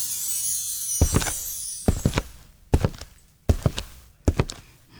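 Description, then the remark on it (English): Footsteps in hard-heeled Cuban boots, five sharp clacking steps at a steady, unhurried pace, each landing as a quick double knock. No one speaks. “No, that is someone walking with Cuban heels.”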